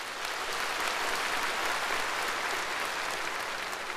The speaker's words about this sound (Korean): 습근평 총서기가 이 말을 끝내자 현장에서는 우려와 같은 박수 소리가 터져나왔습니다.